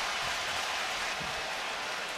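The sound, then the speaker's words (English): Basketball fans at a Knicks game cheer in a steady, continuous roar that holds at an even loudness throughout, a dense wash of crowd noise with no single voice standing out. “Now the cheering you hear from the fans, I believe that the Knicks are going to challenge here.”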